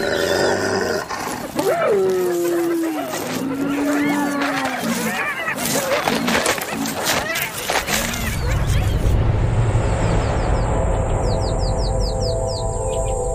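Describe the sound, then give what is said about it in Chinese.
Spotted hyenas roar, growl and whoop loudly in a chaotic overlapping chorus with sliding calls as a clan leader shows its presence, then give way to a quieter outdoor backdrop with a few bird chirps. “这也正是头领展示存在感的时机，虽然通常情况下仅仅是几声咆哮和有力的抓挠足矣。”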